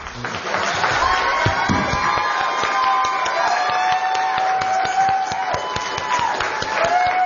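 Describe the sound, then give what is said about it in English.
An audience applauds steadily for several seconds after New Mexico governor candidate Mr. Bregman finishes speaking: a dense, even patter of many hands clapping with some voices and whoops mixed in, holding at a fairly loud, constant level throughout. “You may applaud.”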